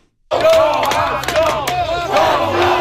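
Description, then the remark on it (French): A loud crowd of Montreal Canadiens hockey fans in Buffalo cheers and shouts together, a dense roar of many voices with rising yells and chant-like cries, sustained throughout after a brief silence at the start. “Ils étaient un peu moins nombreux qu'à Montréal, mais les partisans du Canadien présents à Buffalo ont su faire entendre leur voix.”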